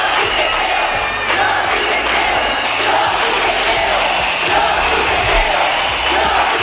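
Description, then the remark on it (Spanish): A large street protest crowd in Spain chants the slogan "Yo sí te creo" in unison over the La Manada group rape case in Pamplona, a loud, steady roar of many voices with rhythmic surges that repeat throughout without letting up. “Al grito de "Yo sí te creo", la calle dejó claro que era el momento de iniciar un cambio en la forma en que todos percibíamos la violencia sexual.”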